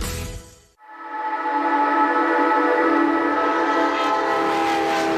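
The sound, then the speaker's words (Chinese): A train on a railway crossing a high plateau rumbles briefly, then a loud whistle sounds one long, steady blast that holds for several seconds, with no voices present. “一条穿越高原的铁路，20年风雪不阻。”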